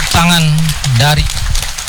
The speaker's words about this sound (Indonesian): tepuk tangan dari para tribun VIP dan tribun di belakang kami menjadi suatu kebanggaan karena menyelesaikan ya para Paskibraka ini menyelesaikan pengibaran duplikat benderanya di tengah-tengah masyarakat